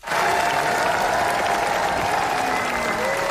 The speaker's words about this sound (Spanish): En el Festival de Cannes, 8 minutos de ovación para El ser querido, de Rodrigo Sorogoyen.